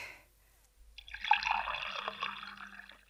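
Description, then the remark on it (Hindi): Water pours in a steady trickling stream for about two seconds after a brief quiet moment, moderately loud, with no one speaking over it; water is being poured for someone to drink at a farm field. “ला भाई पानी पिला दे।”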